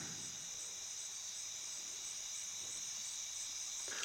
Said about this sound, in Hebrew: אז נשים לנו את הצלילים של הצרצרים. אז הנה, אתם כבר יכולים לשמוע את הצרצרים ברקע.